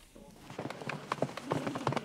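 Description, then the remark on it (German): Foal hooves clip-clop in a quick, uneven run of steps on a hard surface, moderately loud, with a faint murmur of background noise underneath, on the runway where the Westfälisches Pferdestammbuch breeding association films young horses for an online auction. “Das ist quasi der Laufsteg für die Fohlen.”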